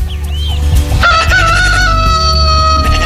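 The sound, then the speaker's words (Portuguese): A rooster lets out one loud, drawn-out crow, its harmonic call rising sharply and holding for about two seconds over a steady low background rumble. “O galo cantou.”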